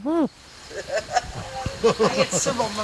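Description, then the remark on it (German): A person's voice imitates a wood pigeon's cooing: a loud opening hoot, then a string of softer, rhythmic voiced coos. “Ja, ich bin die größte Ringeltaube.”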